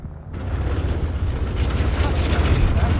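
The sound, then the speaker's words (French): A small propeller tow plane's engine rumbles as it arrives in front of a glider, a deep steady drone that swells slightly louder as the aircraft taxis nearer, with wind-like roar over it. “Voilà, le remorqueur est arrivé.”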